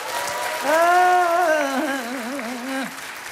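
Steady applause from a crowd, a dense even patter of clapping throughout, with a sustained wavering pitched note rising over it for a couple of seconds before fading.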